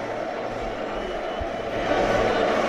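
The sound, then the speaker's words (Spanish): A stadium crowd of Deportivo (Depor) football fans singing together in the rain at the José Zorrilla stadium, a dense, steady wash of many voices with no single singer standing out, swelling slightly louder toward the end. “Es, bueno, el hábitat natural en Galicia, y ahí los tenemos cantando y haciendo que se escuche este pequeño Riazor que es hoy el José Zorrilla.”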